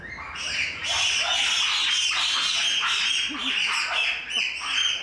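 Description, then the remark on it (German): Young apes romping at play scream back and forth in harsh, high-pitched shrieks that overlap almost continuously for several seconds, loud and grating with brief dips between bursts. “Und ihr seht, untereinander verständigen die sich eindeutig nicht mit Zeichen, sondern mit Geschrei.”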